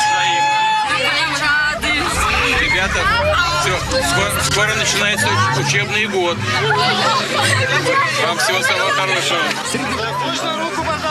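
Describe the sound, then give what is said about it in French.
A lively, very enthusiastic crowd chatters excitedly during a visit to Siberia by Russian President Vladimir Putin, shown on the public channel Russia 1. Many overlapping voices form a loud, continuous hubbub, with occasional higher-pitched calls rising above the babble throughout. “Avec une foule très enthousiaste.”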